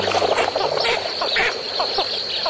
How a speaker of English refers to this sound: As a flock of ducks lift off from a marsh, their wings reveal large patches of powder blue and emerald. These dabbling ducks are called blue-winged teal. They're petite birds, noticeably smaller than mallards.